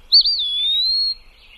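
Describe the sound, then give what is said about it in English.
A single clear, high-pitched bird pip call: a thin whistled note that starts with a quick flutter, then holds steady for about a second before stopping, alone against near silence. “give me a quick pip call when you arrive so I know it's really you.”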